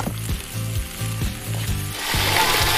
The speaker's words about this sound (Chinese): 将鱼头煎得焦香，它将带来鲜香的底味。